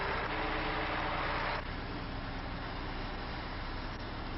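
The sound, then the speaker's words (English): A contractor's heavy equipment truck with a broken backup alarm runs steadily at a job site, a continuous low rumble with a rougher, louder stretch at the start before settling into an even idle. “The contractor sent a truck with a broken backup alarm”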